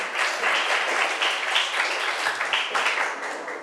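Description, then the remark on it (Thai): A group of students in a class applauds a classmate, many overlapping hand claps forming a dense, even patter that holds its loudness for the whole stretch with no talking over it. “นักเรียนปรบมือให้เพื่อนหน่อยขอบคุณค่ะ”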